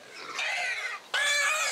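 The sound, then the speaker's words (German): Piglets squeal loudly and shrilly in two long, piercing bursts, the second starting sharply right after a brief pause, as they are held squeezed tightly together to be vaccinated with injections behind the ear on a pig-breeding farm. “Sie schreien auch in erster Linie, weil sie jetzt hier zusammengequetscht sind, weil das denen so wehtut.”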